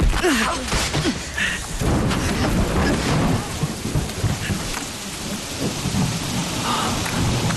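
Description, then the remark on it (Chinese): Heavy rain pours down steadily with a dense, hissing roar, while thunder rumbles low and continuous underneath, loud throughout. “哥，下雨了，怎么办呀？”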